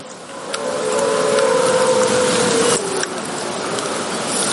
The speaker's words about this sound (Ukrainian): Дзищання затихає, вибуху не чуємо. Ймовірно, дрон перейшов у режим ждуна. Сканер аналогового відео мовчить, то, скоріше за все, дрон на оптоволокні